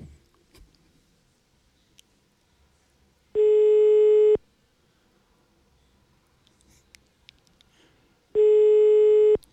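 A telephone ringback tone heard while calling: two loud, steady one-second beeps separated by about four seconds of near silence, with faint background clicks and rustles between them.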